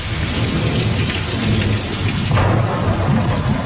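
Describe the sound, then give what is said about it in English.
Heavy rain from a major storm, Tropical Storm Bertha, bearing down on the U.S. Gulf states pours steadily in a dense, hissing wash while deep thunder rumbles low underneath, a loud storm with no voices. “A major storm is bearing down on the U.S. Gulf states.”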